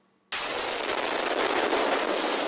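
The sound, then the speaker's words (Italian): Recorded on a police officer's bodycam at night during an attack on the Ukrainian capital: after a brief near-silence, a sudden loud explosion bursts in and leaves a dense, roaring wash of noise that stays loud to the end, with no voices. “L'esplosione nella notte sorprende questo agente di polizia.”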